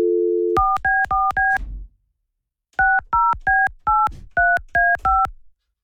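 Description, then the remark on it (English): A short dial tone gives way to a quick run of four keypad beeps, a pause, then seven more crisp, loud touch-tone beeps as a cell phone number is dialed. No one speaks. “Are you calling her cell phone?”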